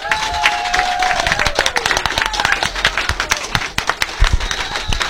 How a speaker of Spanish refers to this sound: ¡Fuertes palmas! ¡A ver que se vengan las palmas!